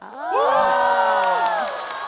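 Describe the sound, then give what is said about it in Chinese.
An audience below a stage erupts in high-pitched screams and cheers, many overlapping voices swelling quickly and holding loud and sustained for about two seconds, with no speech. “我努力练习唱跳，就是为了听到台下尖叫。”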